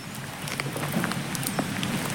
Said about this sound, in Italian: C'è il silenzio delle celle dell'eremo di Camaldoli, in sottofondo il rumore dell'acqua che scorre nella piccola fonte dentro la cappella di San Romualdo